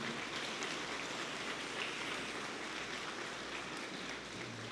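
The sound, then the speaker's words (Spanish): Steady applause from an audience welcoming members of the Youth Pastoral Ministry: dense, even clapping that holds at a constant level for several seconds with no voices over it, its crackle blending into a continuous rain-like patter. “También un fuerte aplauso para ellos.”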